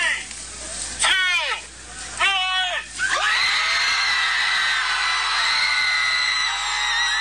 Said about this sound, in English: Yeah, they yelled their lungs out for some 20 minutes.